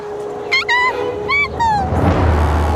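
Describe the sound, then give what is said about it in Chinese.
Dholes (wild dogs) give a few high, drawn-out yelping cries that slide downward, followed by a rough, low growling snarl. The calls are fairly loud, and there's no talking. “有豺狼，熊猫妈妈受伤了，肯定跑不掉的，我们得赶在豺狼之前找到她。”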